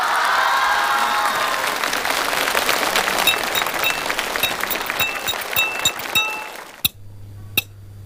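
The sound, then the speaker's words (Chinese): A crowd claps in a dense, steady burst of applause for several seconds, with sharp louder claps standing out near the end before it cuts off abruptly. “我说了这么多的好，来点掌声好不好？”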